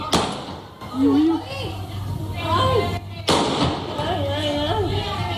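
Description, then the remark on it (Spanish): Two loud, sharp gunshots ring out about three seconds apart in a street in Puerto Serrano, Cádiz, each cracking sharply and echoing, with raised voices and shouting underneath; shots fired by a suspected 57-year-old bank robber at local police officers as he left the bank. “Son disparos del presunto atracador de 57 años que abrió fuego al verse sorprendido por agentes de la policía local.”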